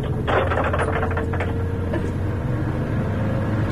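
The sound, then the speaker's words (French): A car window winds down with a brief whirring, rattling burst of mechanical noise in the first second and a half, over a steady low engine rumble that continues throughout, with no talking. “Attendez, j'ouvre la fenêtre.”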